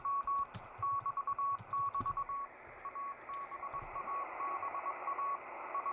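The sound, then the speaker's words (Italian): A steady single-pitch tone keys on and off in quick dots and dashes, Morse code sent over a hissy, crackling shortwave radio signal with static and low rumbling interference underneath. “6609 kHz, Morse code, vediamo cosa trova.”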